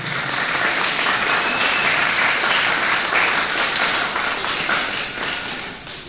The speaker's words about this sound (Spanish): ¿Cuánto dicen gloria a Dios? Otro aplauso al Señor, por favor, que nos ha privilegiado.